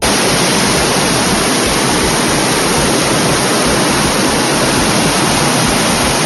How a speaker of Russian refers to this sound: Это реки воды, которые в прямом смысле слова залили улицы Гродно после обычного майского дождя.